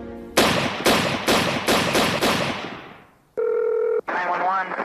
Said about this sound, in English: Six gunshots fired in rapid succession shattered the early morning calm of Rockford, Illinois.